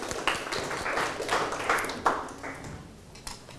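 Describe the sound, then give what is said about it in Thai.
A short burst of group clapping from students applauding themselves during a lesson, a dense, uneven patter of many hands with a few sharper claps standing out, fading after a few seconds. “วันนี้นักเรียนทั้งต้นทางแล้วก็ปลายทางเนี่ยสามารถจำแนกส่วนประกอบของประโยคได้อย่างถูกต้องแล้วก็เข้าใจปรบมือให้ตัวเองอีกครั้งครับ”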